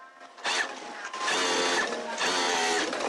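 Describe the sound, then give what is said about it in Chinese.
Several sewing machines and edging machines whir in busy, overlapping bursts in the new workshop of the Xinrui garment factory in Shaping New Town, Lingshan, Qinzhou, Guangxi, China, as workers make garments; a steady mechanical buzz that swells and pauses in short runs, fairly loud with no talking. “崭新的车间里，缝纫机、打边机等设备不停运转，飞针走线间一件件成衣在制衣厂员工的手下诞生。”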